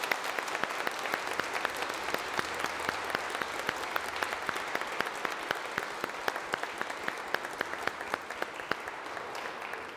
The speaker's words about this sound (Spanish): Le damos un aplauso a la Santísima Madre.